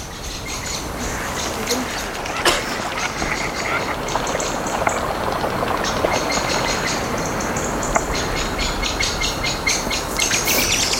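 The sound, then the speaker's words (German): A blackbird sings in repeated bright phrases over a constant rushing, engine-like background of water and motor noise, heard while walking toward a ferry, the song partly masked. “Oh, die Amsel.”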